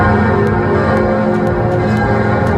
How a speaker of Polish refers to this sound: Leon XIV rozpoczął 4-dniową wizytę we Francji. Na początek Paryża i symboliczne powitanie dźwiękiem dzwonów, które rozbrzmiały w całej francuskiej stolicy.